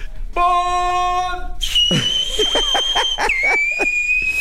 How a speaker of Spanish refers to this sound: Voy a chiflar, sí, lo prometo, ¿eh?